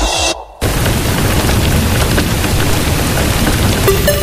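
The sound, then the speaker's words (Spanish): A loud, steady downpour of heavy rain with a deep rumble of thunder underneath, starting after a brief cut-off moment and continuing without any voices. “Atención, se pronostica un evento de lluvias importantes.”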